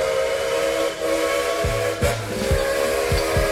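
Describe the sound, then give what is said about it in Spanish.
A loud, sustained steam train whistle blows steadily with a hissing edge, while low rhythmic chuffs and clanks of a moving locomotive thump underneath. “Tengo muchos trenes. Me subí a muchos trenes en la vida.”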